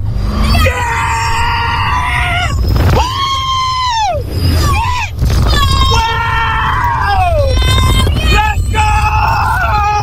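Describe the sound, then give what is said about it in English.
A crowd of roller coaster riders at a Universal Studios theme park screams loudly as spinning cars launch through loops at 115 km/h, with many overlapping high wails rising and falling in bursts over a steady low rumble, sustained throughout. “screams, blood-curdling screams that penetrate closed windows and doors every 30 seconds”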